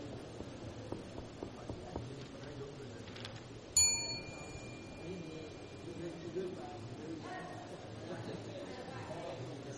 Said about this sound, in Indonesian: Dan ketika akan mengumpulkan, kami mohon untuk tidak lupa menekan bel, karena jika antum tidak menekan bel, maka soal yang antum kumpulkan tidak teranggap.